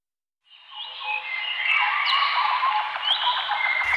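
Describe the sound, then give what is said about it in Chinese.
Birdsong fades in after a short silence, a dense chorus of overlapping chirps, whistles and trills that carries on steadily and fairly loud, with no voices. “鸟鸣，溪流，森林，草原，大海。”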